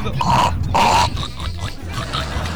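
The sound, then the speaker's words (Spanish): A child's voice makes two short, nasal, squealing grunts in quick succession, imitating a piglet's oink, followed by softer vocal sounds over a low background rumble. “Y yo voy a hacer el sonido del cerdito.”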